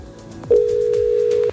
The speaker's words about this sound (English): Okay, phone's ringing.